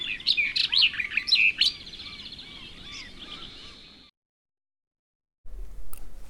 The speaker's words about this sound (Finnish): Kirjokertun viikon luontoäänen esitteli ….